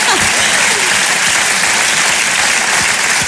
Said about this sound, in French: Merci, oui, on peut applaudir ça, bien sûr. Bien sûr.